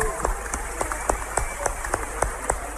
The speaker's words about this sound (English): clap for Jesus